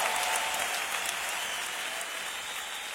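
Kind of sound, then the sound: crowd, audience applauding loudly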